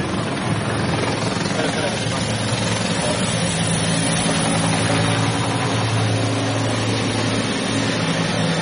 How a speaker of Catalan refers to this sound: El ministre que atura un moment la seva intervenció pel pas dels helicòpters dels mitjans aèris dels bombers i ara de seguida la reprèn.